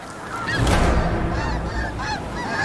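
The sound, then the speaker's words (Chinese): A flock of snow geese honks continuously, many overlapping nasal calls forming a loud, dense, steady chorus with no talking. “另一种保护家人的策略是聚集成群，这正是雪雁采取的策略。”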